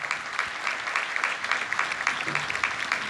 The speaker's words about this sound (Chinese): 然后请再起立鼓掌。